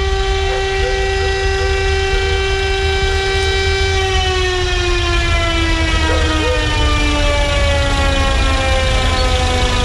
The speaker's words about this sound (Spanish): comienza el recorrido escoltado por la policía uniformada en dirección hacia la Araucanía. Esto está ocurriendo en la avenida Ramón Picarte en Valdivia. Ya está en el exterior del servicio médico legal la carroza fúnebre. Escuchamos la sirena.